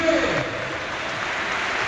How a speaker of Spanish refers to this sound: Aplausos para Brugui. Y entra Paco Cortés.